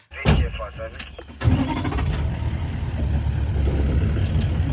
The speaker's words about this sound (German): Früher Morgen im afrikanischen Busch. Der Safari-Jeep startet, gerade geht die Sonne auf.